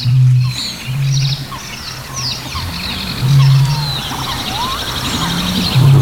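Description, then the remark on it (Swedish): A busy chorus of many animal species calling at once, picked up by a microphone at the boat jetty on Lake Tåkern in Östergötland: chirps and trills of birds overlap in the high range while deep, throbbing calls repeat in bursts underneath, with no one speaking. “Ja, det är ju en liten kakafoni av olika arter.”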